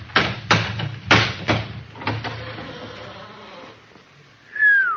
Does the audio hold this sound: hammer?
yes